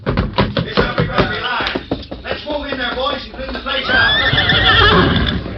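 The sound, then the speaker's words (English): A horse neighs loudly and close by, a long quavering whinny that rises and falls, following a burst of busy knocking and shuffling commotion. “Keep low till we get through the back door, then run for the horses.”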